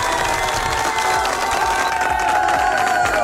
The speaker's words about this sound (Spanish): Un fuerte aplauso para él, por favor.